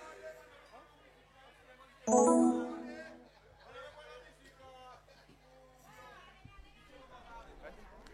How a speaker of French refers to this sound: Et oui, voilà un petit peu l'ambiance dans Ansbalo pour sa dernière jour activité. La foule est bien amusée, bien défoulée. Malgré la pluie qui est tombée, mais c'est bon, ça n'a pas pu faire autre paix.